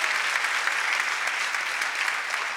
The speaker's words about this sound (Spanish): Vamos a darle un aplauso a nuestros hermanos extranjeros. Les amamos.